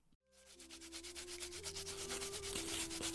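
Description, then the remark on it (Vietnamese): Steady machine grinding and polishing of horn combs in a craft workshop in Thụy Ứng village, Hanoi: a constant motor hum with a high, hissing abrasive rasp that pulses rhythmically in quick repeated strokes, loud and unbroken, with no talking. “Mời quý vị và các bạn cùng nghe những thanh âm rộn rã từ xưởng nghề và gõ cửa không gian di sản này ngay sau đây.”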